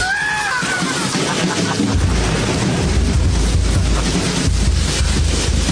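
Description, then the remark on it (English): A raging storm at sea: loud, steady roaring wind and crashing water with deep rumbling surges, a brief high whistling howl at the start, and no voices. “Well, Jesus, I'm glad we've joined the fight against climate change, but, the storm still rages on.”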